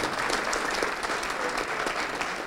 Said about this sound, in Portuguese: Vamos aplaudir mais ao nome de Jesus. Escolhe uma cadeira para você sentar. Vamos aplaudir mais ao nome de Jesus.